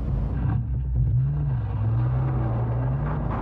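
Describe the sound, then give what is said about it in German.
A tractor pulling a trailer out of a driveway onto a narrow road, maneuvering to make the turn, its heavy engine giving a steady low rumble that rises and dips slightly in pitch for a few seconds, with no voices. “Da kommt der Traktor mit Anhänger aus der Einfahrt.”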